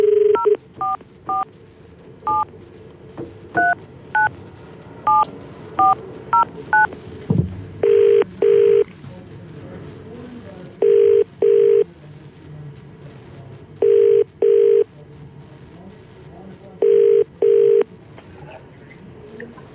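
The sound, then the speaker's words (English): A quick run of telephone keypad tones dials a number, then a steady double-pulse ringback tone repeats four times at even intervals, clear with no one speaking, as a caller is phoned on the CFM radio morning show. “I'm just about to get one of our mates on the phone with us.”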